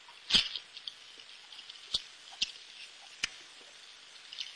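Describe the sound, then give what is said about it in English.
Faint, duck-like quacking from an underwater recording played on a tape recorder by a Navy officer, a sound recorded every year since a first sub showed up: a handful of short, squeaky, clicky bursts at irregular intervals over a steady hiss, the first one longest, with no voices. “It sounds a bit like a few Donald Ducks at a very long distance.”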